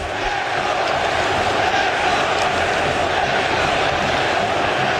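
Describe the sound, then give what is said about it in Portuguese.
A large stadium crowd of Cruzeiro football fans roars and chants the name of the player Wesley together in a steady, dense wall of voices, loud and continuous for the whole stretch with no single speaker standing out. “Gritando o nome do Wesley, que acabou de chegar e já chegou marcando um golaço.”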